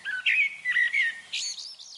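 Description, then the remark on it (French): A blackbird sings a short series of fluting, warbling phrases, rising into higher twittering notes near the end. The song is clear, with no voices. “Ah, c'est ça, le chant du merle, peut-être.”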